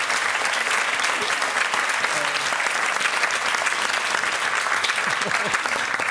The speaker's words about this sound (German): Ich setze mir jetzt einen Applaus. Wow. Schön.